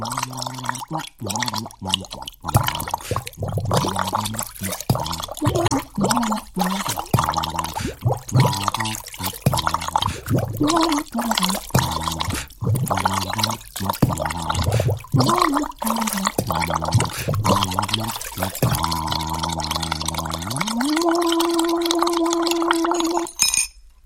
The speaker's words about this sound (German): Strohhalm in die eine Hand, den Becher in die andere, beides untertauchen, Becher kippen und gleichzeitig in den Strohhalm pusten. Mal gucken, ob ich das hinbekomme. Achtung, hier kommt mein Blubber-Song.